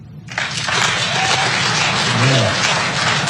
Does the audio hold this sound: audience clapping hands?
yes